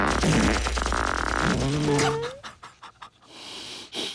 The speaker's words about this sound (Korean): 그때 알았죠. 아, 밤에는 내 방귀 소리가 아래층까지 들리는구나.